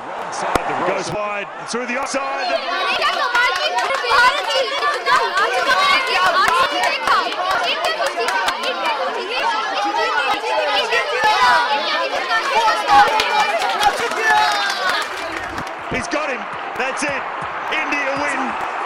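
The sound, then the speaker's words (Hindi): A dense crowd murmurs and chatters continuously at a cricket match between India and Bangladesh at Ambedkar Stadium in Delhi, many overlapping voices blending into a steady roar with occasional sharp knocks and thuds rising above it. “अनुष्का भीड़ की बातों को ध्यान से सुन रही थी।”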